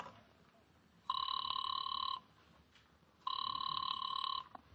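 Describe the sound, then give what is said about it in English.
A telephone ringing tone sounds twice over a line, each steady electronic burst lasting about a second with a pause between, heard clearly against faint background hiss and no voices. “I decided to phone him.”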